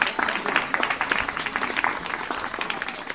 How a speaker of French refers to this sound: Waouh, on peut l'applaudir.